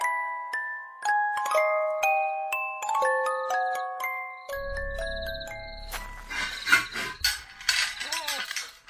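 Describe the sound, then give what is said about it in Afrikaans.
A back gate clatters and its metal latch clicks and rattles shut in a burst of sharp knocks, following a short stepped chiming melody over a low rumble. “Daar sy, nou is die agterhekkie gesluit, net soos Jane gevra het, brak.”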